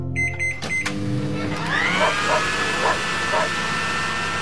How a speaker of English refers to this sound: Oh, the breaker failed again. That's the third time this morning. I wasn't even done drying my hair.